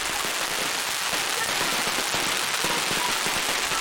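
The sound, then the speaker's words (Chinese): Fireworks mounted on a colourful fire dragon crackle and pop densely and continuously, a loud, steady hiss of rapid bursts that never lets up across the whole stretch, as bare-chested team members run carrying the dragon in the Xiaoli fire dragon tradition, a Chaoshan New Year folk custom. “队员们打赤膊，穿短裤，头戴竹笠，双手托着插满烟火的彩龙，奔跑如飞。”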